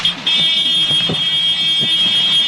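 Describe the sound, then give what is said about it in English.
A news helicopter's cockpit warning alarm blares as a steady, shrill electronic tone throughout, loud and unbroken, over a low mechanical rumble with occasional thumps, as the helicopter careens toward the ground during a live television broadcast. “At the beginning of the video, I thought that the microphone from the chopper was picking up some sort of alarm below.”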